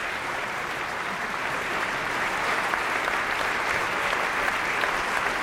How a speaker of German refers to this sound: Simon Neal holt jetzt den Dirigenten auf die Bühne. Das Orchester steht auf und verbeugt sich. Applaus für den Dirigenten Roland Kurtis.